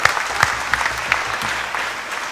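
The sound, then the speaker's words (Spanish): An audience applauds together after a Holy Eucharist (Mass), thanking everyone who took part, a steady dense clatter of many hands clapping with a few sharper claps standing out, sustained at moderate loudness throughout. “Fuertes los aplausos para todos, hermanos y hermanas.”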